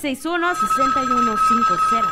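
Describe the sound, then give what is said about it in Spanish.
A telephone rings with a steady, shrill electronic tone that holds for a couple of seconds, fairly loud, while a voice-like melodic sound runs alongside it. “Oigan, hay que activar línea telefónica en este momento.”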